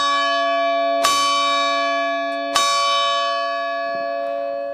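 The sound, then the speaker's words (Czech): One of the three church bells of Kozlovice rings loudly, with two strong strikes about one and a half seconds apart, its rich metallic tone ringing on and slowly fading between hits. “A to už se nám dost razantně ozval jeden ze 3 kozlovických zvonů.”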